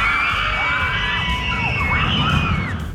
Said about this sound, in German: Das. Aber warum kreischen wir eigentlich so in der Achterbahn?